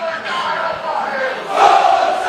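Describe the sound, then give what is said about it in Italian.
A large stadium crowd of football fans chants and cheers continuously, a dense, steady roar of many voices that swells louder near the end; more than 800 travelling Taranto supporters at a match in Aversa, Italy. “Incessante il tifo dei supporter sionici.”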